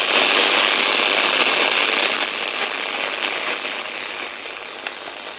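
Steady, fairly loud FM radio static from a device with Bluetooth, USB and FM modes, switched to FM mode with no station found: a broad, even hiss with faint crackles, no station or voice coming through, fading slightly toward the end.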